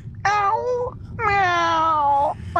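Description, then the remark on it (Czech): A person imitates a cat meowing: two drawn-out, whiny vocal meows, the second longer, with a third just starting at the end. The voice is fairly loud. “No a taky kočku.”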